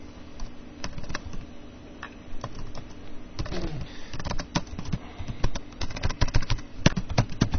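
Rapid, irregular clicking of keys on a computer keyboard, fairly clear, with bursts of quick taps growing busier toward the end over a faint background hum.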